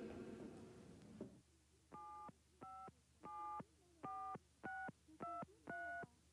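A phone number is dialed on a telephone with a quick run of seven touch-tone beeps, each short and evenly spaced, clear after a brief burst of noise at the start.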